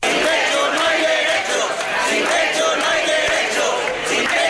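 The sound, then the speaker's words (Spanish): About a hundred protesters chant and shout in unison at the doors of the Balearic regional parliament, called by the unions UGT and Comisiones Obreras to demand decent housing. A loud, dense wall of many voices holds steady throughout with a faintly rhythmic pulse. “Un centenar de personas se ha concentrado a las puertas de la Cámara Autonómica convocadas por UGT y Comisiones Obreras para pedir una vivienda digna.”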